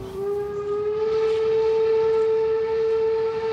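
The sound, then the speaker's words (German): A train crosses Germany's highest railway bridge, opened in 1897, with a long, steady horn blast ringing over a continuous low rumble of wheels and track noise, loud, with no one speaking. “Und jetzt Eisenbahn. Drüber.”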